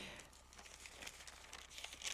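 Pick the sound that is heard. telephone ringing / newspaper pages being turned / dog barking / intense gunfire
newspaper pages being turned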